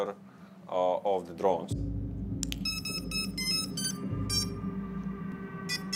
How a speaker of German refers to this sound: Sobald sich eine Drohne nähert, höre ich einen Alarmton und kann das Videosignal abfangen, obwohl das ja nur für den angreifenden Piloten gedacht ist.